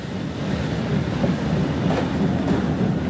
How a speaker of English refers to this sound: I toyed with the idea of moving to another carriage, but was still in two minds when the train pulled out.